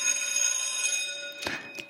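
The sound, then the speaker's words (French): The old electric bell of the primary school in Saint-Livre rings steadily, a harsh metallic clanging with bright, buzzing overtones, sustained throughout with a couple of louder bursts near the end. “L'entendez-vous, la cloche qui sonne de la vieille et charmante école primaire?”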